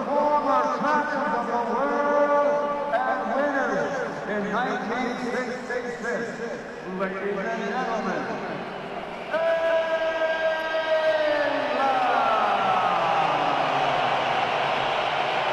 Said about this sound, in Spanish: Recordando el título del 66 y recibiendo más silbidos que otra cosa.